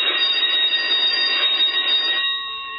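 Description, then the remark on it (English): An electric no-talking bell rings at lights out in a loud, continuous metallic clatter for about two seconds, then fades into a softer, lingering tone. There are no voices. “There goes the no-talking bell.”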